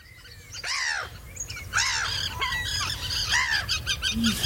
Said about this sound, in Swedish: Och då kom jag på att just det, det är såklart därför P1 och Naturmorgon direkt sänder sin numera berömda fågelsångsnatt just den här helgen. Jag tror att vi ska ha ett litet smakprov här.